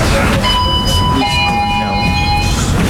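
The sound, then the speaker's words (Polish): A blue tram in the Kraków MPK tram depot releases its brakes and starts to roll slowly and smoothly, with a steady low rumble and several thin, high electric whines rising and holding throughout, loud. “Puściły hamulce. Okay. Ja spokojnie, powoli nam płynnie rusza.”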